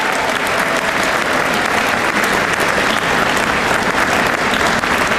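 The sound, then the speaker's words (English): A crowd at an Honor Flight event claps for those who served in the nation's defense, steadily for about five seconds, a dense, even wash of many hands with no pauses and no voices rising above it, holding at a loud, constant level throughout. “I also think, go ahead, you can clap for that too.”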